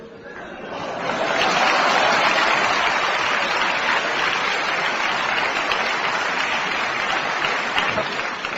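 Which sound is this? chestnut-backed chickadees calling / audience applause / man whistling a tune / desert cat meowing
audience applause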